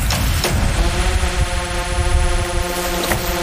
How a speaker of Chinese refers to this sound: 突然又传来了无人机的声音。